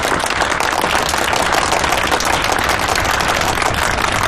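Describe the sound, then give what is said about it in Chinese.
A crowd of wedding guests applauds steadily to welcome the groom's mother to speak, dense clapping from many hands at a loud, even level throughout with no voices. “补充两句， 新郎的妈妈应该有些话要送给二位新人，那朋友们掌声有请。”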